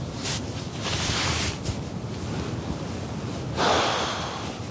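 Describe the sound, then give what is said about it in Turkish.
Rapid, shallow, labored breathing of an exhausted person fighting for oxygen, a series of harsh airy gasps and snorting breaths with no talking. “Nefeslerinin tam olmadığını fark ediyorum. Hızlı ve sık nefes alıyor.”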